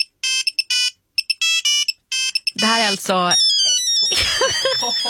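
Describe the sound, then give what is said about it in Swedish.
A Nokia 3210 mobile phone ringtone plays a loud, bright, beeping melody in quick, choppy bursts for a couple of seconds, then someone starts talking while the tone keeps going underneath. “Ja, det här var en Nokia 3210.”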